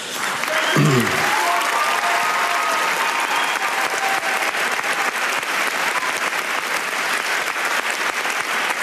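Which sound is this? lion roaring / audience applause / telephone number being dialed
audience applause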